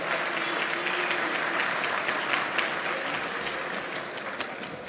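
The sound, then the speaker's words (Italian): Steady audience applause fills the whole stretch, a dense patter of many hands clapping at an even, fairly loud level with no voices over it, applauding the next speaker for a life of militancy and ideological consistency. “E vi chiedo un applauso per una vita di militanza e di coerenza ideale.”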